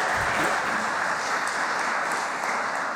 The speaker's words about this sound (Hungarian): Taps a Tiszapárt padsoraiban, elnök úr, ezt hallhattuk, és talán a banklobbinak is tetszene ez a válasz.